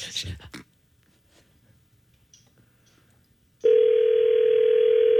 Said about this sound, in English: All right, so number's being punched in. Let's see. He's done. We should hear a ring. And everybody be quiet once you hear that first ring.